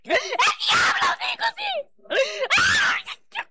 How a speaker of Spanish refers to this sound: Oye, Satanás, ¿qué te está pasando? ¿Por qué gritas? ¿Por qué gritas?